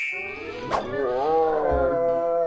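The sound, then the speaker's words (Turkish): A hungry tiger roars in one long, rumbling, drawn-out growl with a wavering pitch, loud, lasting a couple of seconds. “Kaplanım acıkmış.”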